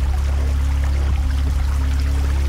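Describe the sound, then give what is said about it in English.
A steady, continuous rush of a stream flowing through woods down from high in the mountains, with a deep constant rumble underneath and no breaks or voices. “a hidden stream whispered through the woods. The water flowed down from high up in the mountains.”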